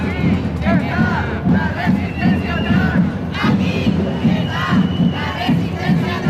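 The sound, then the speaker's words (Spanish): A large Pride demonstration crowd in Gran Canaria chants together in loud, rhythmic bursts, with shouted voices rising and falling over a continuous dense roar and a few higher cries cutting through. “Es parte de la lectura de un manifiesto en Lanzarote anoche, manifestación en Gran Canaria.”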